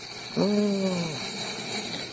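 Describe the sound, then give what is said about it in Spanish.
A door creaks once, a short drawn-out groan that slides slightly downward in pitch and fades after about a second, over steady background hiss. “Oyen el ruido de la puerta.”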